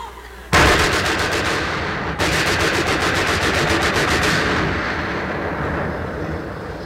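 Sustained machine gun fire erupts suddenly and loudly, a rapid steady rattle of shots with one brief pause, then trailing into a rumbling, echoing decay.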